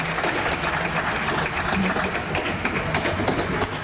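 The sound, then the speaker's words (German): Steady audience applause after a concert, a dense wash of many hands clapping at an even, loud level throughout, with no voices standing out above it. “Herzlichen Dank, ein dicker Applaus.”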